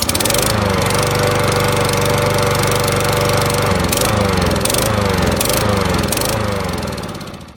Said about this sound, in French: J'adore le bruit de la tondeuse au petit matin.